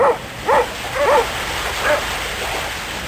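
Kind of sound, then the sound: animal, sled dogs barking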